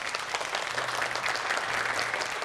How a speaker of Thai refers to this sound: ก็ขอเสียงปรบมือต้อนรับนะครับเรืออากาศตรีสุเทพวงศ์กำแหงศิลปินแห่งชาติครับ